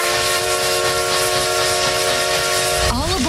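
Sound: steam train whistle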